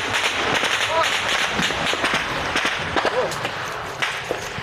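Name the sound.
gunfire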